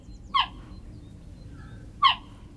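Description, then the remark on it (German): Two short, high-pitched chirps from a cheetah, spaced about a second and a half apart, sharp and bird-like against a quiet, low rumbling background. “Geparden können nicht brüllen wie Löwen, stattdessen zwitschern sie.”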